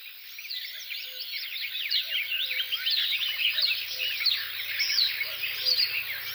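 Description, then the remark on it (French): A marsh warbler pours out a fast, busy stream of chattering, mimicking song, while a common cuckoo calls softly beneath it, with no voices present. “Coucou et Rousserolle Verderolle.”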